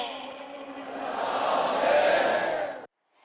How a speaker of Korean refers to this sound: 제국주의와 미국에 맞서는 폭풍 같은 함성.